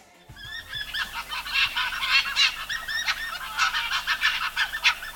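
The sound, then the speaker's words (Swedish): Arctic foxes call in a busy chorus of sharp, high, nasal yelps, many overlapping in quick irregular bursts that continue throughout, with a faint low hum underneath. “Det här är fjällrävar.”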